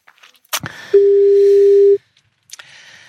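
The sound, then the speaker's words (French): A telephone line rings after dialing: one steady, clear tone lasting about a second, framed by handset clicks and faint line hiss, with no one speaking. “vas-y, compose le numéro et nous allons voir ce que ça donne.”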